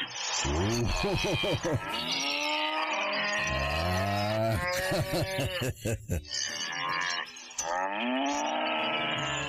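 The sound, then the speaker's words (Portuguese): Several cattle on a farm moo loudly while being milked, their long, drawn-out calls overlapping one after another with hardly a pause, and no one speaking. “Isso aqui é meu funcionário, me enviou o vídeo aqui do meu gado lá na minha fazenda.”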